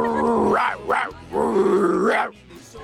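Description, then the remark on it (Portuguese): A person's voice imitates a mad dog, letting out a few loud growling barks in quick succession, with a drawn-out snarling bark in the middle. “É, no caso aí é uma cachorra louca, né?”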